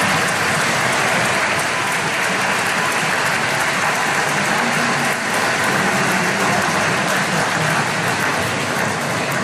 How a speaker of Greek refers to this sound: χειροκροτήσουμε με ένα θερμό χειροκρότημα.